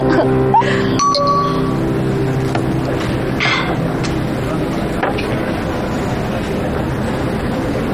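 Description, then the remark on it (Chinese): A few sharp glass clinks during a toast near the start, one leaving a brief ringing tone, then steady restaurant murmur with faint background voices for the rest. “来提一杯吧。”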